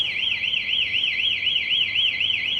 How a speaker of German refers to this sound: Jedoch wird es erkannt, dass jemand versucht, das Kabel zu klauen. In diesem Fall löst die Säule Alarm aus, optisch und akustisch.